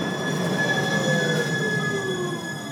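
A line 27 city tram rolls past with high, sustained metallic wheel squeal, several shrill tones sliding slowly in pitch over a steady rumble, loud throughout with no one speaking.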